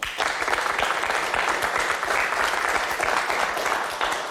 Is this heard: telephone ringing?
no